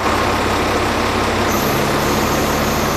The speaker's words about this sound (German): Ein tarnfarbener Militär-LKW fährt in eine der Hallen.